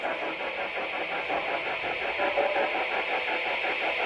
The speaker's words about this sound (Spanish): Eso que se escucha de fondo es la alarma. Vale. Y ahora es cuando se apaga la alarma.